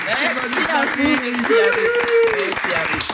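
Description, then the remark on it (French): A group at a laughter yoga event at the Maison Folie applauds a woman in a steady, dense patter of clapping, with people's voices talking and calling out over it throughout. “On peut l'applaudir.”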